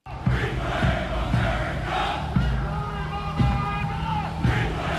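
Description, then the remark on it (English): A large crowd chants far-right slogans such as "Reclaim America" in unison while moving between two train stations in a city on the 4th of July, voices rising and falling together in a steady, repetitive rhythm, with low thumping beats landing roughly once a second throughout. “And they were reportedly chanting far-right slogans as they moved between two train stations in the city.”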